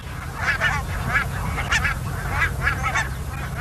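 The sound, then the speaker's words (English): A large flock of barnacle geese on their wintering grounds in the Netherlands honking continuously, many overlapping yappy calls over a low rumbling background, with no speech. “This is a recording of the geese on their wintering grounds in the Netherlands.”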